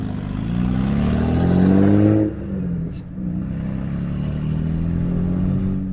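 An Australian V8 car engine on a track revs loudly with a deep, rising rumble, drops off suddenly after two seconds, then settles into a steady low idle-like drone with a brief high click.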